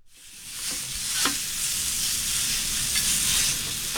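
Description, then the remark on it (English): Hibachi food sizzles steadily on a grill cooked out of the trunk of a car, a dense, bright crackling hiss that holds for the whole stretch, with a few sharp scrapes or clicks as it's stirred. No voices. “He makes hibachi on a grill, but with a very unique twist.”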